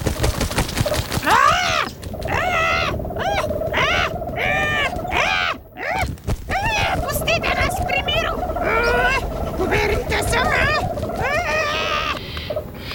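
A mother owl clashes with two weasels that have climbed to its nest, wildly flapping its wings to protect its chicks. Loud shrill screeches and squeals pile up rapidly over a busy, rustling scuffle, with frantic calls continuing almost nonstop throughout.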